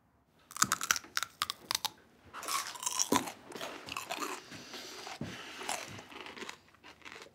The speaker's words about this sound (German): Die Geräusche, die sie beim Kauen machen, kenne ich nur aus dem Zoo. Oh, bin ich zu laut? Ich höre es in meinem Büro.